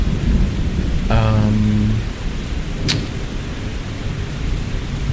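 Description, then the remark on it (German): Steady rain hisses throughout over a deep rumble of thunder, with a brief tonal whine early on and a sharp crack near the middle. No voices are heard. “Ja, es regnet.”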